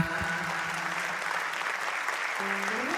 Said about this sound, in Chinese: 接受了你的掌声，感谢大家的捧场，谢谢大家。